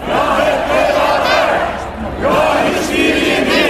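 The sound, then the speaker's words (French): Thousands of CHP supporters chant and shout loudly outdoors in front of the Parliament in the evening in support of their leader Özgür Özel, many voices merging into a rhythmic roar that briefly dips before swelling again with raised, cheering cries. “Des milliers de partisans sont donc venus soutenir leur leader hier soir devant le Parlement à Nandlower.”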